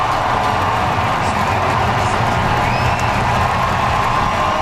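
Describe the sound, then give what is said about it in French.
A large crowd at a Blue Jays baseball game applauds and cheers steadily as outfielder George Springer leaves the game in the third inning, a dense, continuous roar of clapping and voices that stays loud and unbroken throughout. “Et du côté du sport, le voltigeur des Blue Jays, George Springer, est sorti du match en troisième manche sous une pluie d'applaudissements.”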